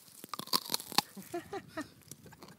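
A crisp bite into a raw garden vegetable, followed by several sharp crunches and wet chewing over a couple of seconds, with faint murmuring voices in the background.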